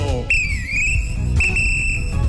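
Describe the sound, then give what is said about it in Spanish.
Two long, shrill referee whistle blasts, the first dipping slightly in pitch before steadying, the second held flat, over a low rumbling background noise. “No esperes el pitazo.”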